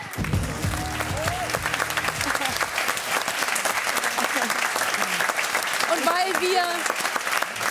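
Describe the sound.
A large audience applauds steadily and loudly for several seconds, dense clapping filling the room, with scattered cheers and voices rising over it near the end.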